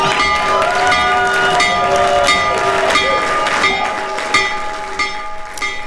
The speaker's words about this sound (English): President Trump rang the opening bell of the New York Stock Exchange and the NASDAQ from the Oval Office this morning. So ring the bell, Mr. President.